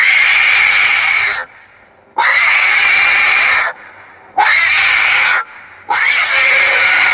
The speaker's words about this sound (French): Un cochon qu'on égorge, oui, oh, très oui.